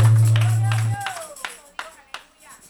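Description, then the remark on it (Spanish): An audience claps hands for Jesus Christ, the King of Kings, during a church service, in a loose, scattered rhythm, with a few sharp claps standing out near the end. A low steady hum fills the first second, and a voice is heard among the claps. “Denle unas palmas al Rey de Reyes, porque Él vive.”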